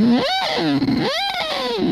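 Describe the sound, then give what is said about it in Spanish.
A voice imitates a lighthouse foghorn, loud, buzzy and slightly distorted, sweeping up and down in pitch in two long siren-like wails with no other talk. “Vienes a encenderlo, pero con el sonido del faro.”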